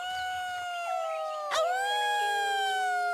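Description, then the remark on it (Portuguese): Several wolf-like howls of joy from tribal warriors overlap in long, sustained, wavering tones that rise and hold steadily. A brief sharp burst cuts in midway, and there is no talking. “não havia razões para o Cromlech ter medo daquele uivo. Tratava-se apenas do grito de alegria dos guerreiros da tribo dos Homens-Lobo”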